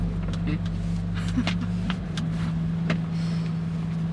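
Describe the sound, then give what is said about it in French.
A truck engine drones steadily from inside the cab of a truck transporting a cave replica for exhibition, a constant low rumble with a humming tone, broken by occasional light rattles and clicks over about four seconds. “Il y a une grotte dans mon camion.”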